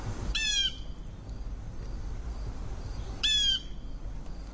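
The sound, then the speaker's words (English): A blue jay gives two loud, harsh, raspy calls, about three seconds apart, over a steady low rumble of background noise. No one speaks. “We are now listening to a blue jay noisily, boisterously calling out.”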